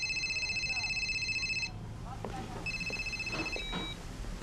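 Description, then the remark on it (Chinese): A phone line rings on an outgoing call to the proprietress, with a steady electronic tone lasting under two seconds, then a softer repeat after a short pause, over a low background murmur. “给老板娘打个电话。”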